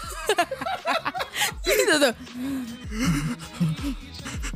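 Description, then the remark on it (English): A voice imitates breathless gasping, a run of short, sharp, panting breaths with a laughing edge, fairly loud, followed by a few more ragged breaths. “I was just... I was, like, short of breath. So I was just going, like...”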